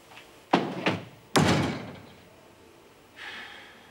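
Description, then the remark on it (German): A door swings shut with a couple of quick handle rattles followed by a solid thud, then a softer scraping sound trails off a moment later, with no one speaking. “Würdest du die Tür schließen, bitte?”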